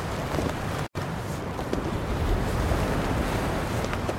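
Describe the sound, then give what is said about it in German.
Steady ocean surf and gusting wind along a coast, a dense continuous roar with a brief dropout near the start, no voices present. “Die salzige Luft des Meeres drang in seine Nüstern.”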